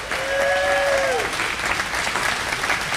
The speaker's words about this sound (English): Okay, let's do it. Let's give everybody a round of applause and we'll get started.